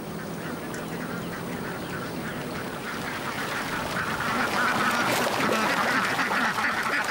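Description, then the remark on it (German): A large flock of ducks at a harvested rice field quacks continuously, many overlapping calls forming a dense, busy chorus that grows a little louder toward the end, with no voices present. “Zu jedem Feld gehört eine Schar Enten.”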